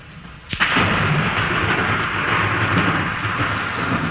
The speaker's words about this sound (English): The sound of thunder.